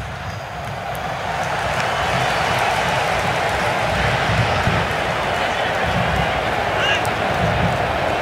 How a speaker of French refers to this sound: On joue dans un fauteuil côté américain. Vous entendez les clameurs des supporters. Les États-Unis sont en train de brillamment réussir leur entrée en matière dans ce tournoi.